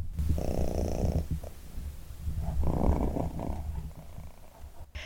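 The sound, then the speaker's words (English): A female cat purrs while sitting on a person's lap, in a steady, rumbling rhythm, with two long purr cycles separated by a brief pause, loud and continuous with no talking. “She's just sat here on my lap, purring away.”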